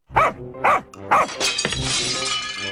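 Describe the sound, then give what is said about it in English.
A dog barks three quick times, then the glass of a front window shatters loudly, with a bright, sustained crash of breaking and tinkling shards filling the rest of the moment. “Well, somebody broke the front window.”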